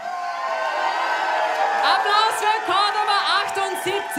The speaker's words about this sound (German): Und hey, schaffen wir das jetzt noch bei diesem ganzen Jubel?